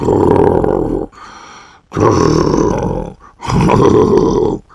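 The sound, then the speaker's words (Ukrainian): A voice imitates loud snoring with three long, rasping, throaty snores separated by brief pauses, forceful, with nothing else in the background. “Він подумав хвильку і додав, або знаєш, що зроби, почни тоді сам, що сили хропти, десь так.”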